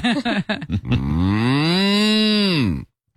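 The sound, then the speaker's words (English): A person imitates a cow with one long, drawn-out moo that rises and then falls in pitch, loud and steady, after a few short voiced sounds at the start. “You know, I've always been more of a cartoonish mooer.”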